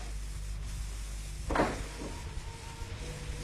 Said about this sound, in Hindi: माँ, दरवाजा खोल।